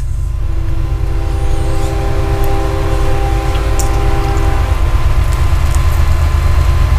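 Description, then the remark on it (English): A train rumbles past nearby, a loud, steady low roar with sustained tonal hums layered on top for several seconds, plus faint metallic clinks, gradually thinning toward the end. “Hi, train.”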